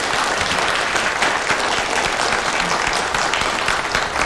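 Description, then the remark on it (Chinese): A crowd claps steadily and loudly, welcoming leaders of the provincial water resources department to speak, a dense patter of many hands sustained for several seconds with no voices standing out above it. “下面有请省水利部门的领导为大家讲话，鼓掌欢迎。”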